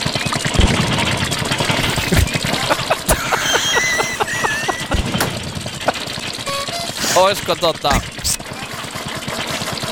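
A car engine runs with a steady, rapid mechanical ticking and knocking rhythm, punctuated by sharper clacks and a brief whirring whine near the end.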